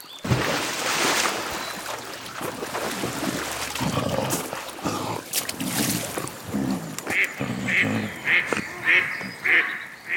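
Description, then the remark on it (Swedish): A duck quacks repeatedly in a steady series of short, bright calls as it rushes up out of a stream onto land, over a noisy, splashy background of water and movement. “Pompe krockar med en and. Anden rusar upp på land.”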